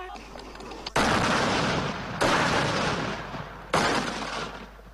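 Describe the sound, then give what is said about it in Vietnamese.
Three loud, heavy gunshots as soldiers of an army regiment in central Vietnam practise live firing at targets 4 and 5 on a training range under harsh sun, spaced roughly a second apart, each leaving a long rumbling echo that fills the gap before the next shot. “Mục tiêu biên số 4, 5, chuẩn bị bắn. Bắn.”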